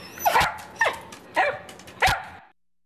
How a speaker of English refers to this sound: Hey, Luigi. Luigi, what's this? What's this? That's right. This is KWMR Point Reyes Station. What a great dog.